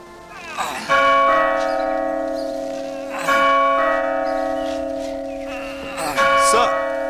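A great bell beside a small lodge by a city gate tolls three times at steady intervals, each strike loud and ringing with a long, humming resonance that lingers and fades before the next.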